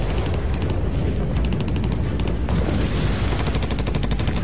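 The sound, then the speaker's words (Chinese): A loud, continuous battlefield barrage of artillery fire at the opening of the Huaihai Campaign, with dense overlapping blasts and rapid bursts rolling on without pause and a heavy low rumble underneath. “炮声，淮海战役正式打响。”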